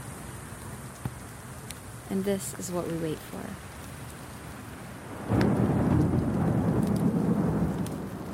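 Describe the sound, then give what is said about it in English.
Steady monsoon rain hisses throughout a thunderstorm over the Catalina Mountains while a voice speaks briefly, then a loud, deep rumble of thunder swells in and rolls on beneath heavier downpour until the end. “When it happens, you know why it is they call it the monsoon.”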